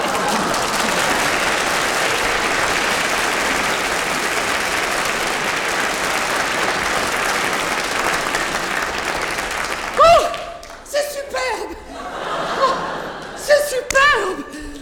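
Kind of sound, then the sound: crowd, applause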